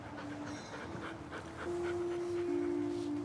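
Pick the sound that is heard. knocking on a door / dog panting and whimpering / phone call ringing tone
dog panting and whimpering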